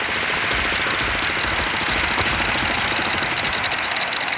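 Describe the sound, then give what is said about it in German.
A jackhammer pounds away at a construction site in a rapid, steady stream of hard blows over a loud mechanical roar, continuous for several seconds with no voices. “Ach ja, wieder die Baustellen.”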